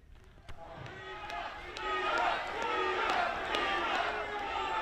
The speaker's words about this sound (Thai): นี่นะคะก็เป็นเสียงตะโกนค่ะ recount นะคะก็คือนับใหม่อีกทีสินับใหม่หน่อยฉันไม่เชื่อนะคะว่างานนี้เนี่ยคนจะขาดไปเพียง36คนเท่านั้นเองก็คือเป็นบรรยากาศที่เกิดขึ้นนะคะหลังตัวแทน Guinness World Records ค่ะประกาศว่าการรวมตัวของเหล่า Spider-Man